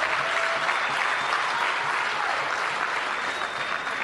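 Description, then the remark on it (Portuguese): A crowd at a Frelimo party gathering applauds steadily for honorary party president Joaquim Alberto Chissano, a dense wash of many hands clapping at an even, sustained volume for several seconds with no voices rising above it. “Mais uma salva de palmas.”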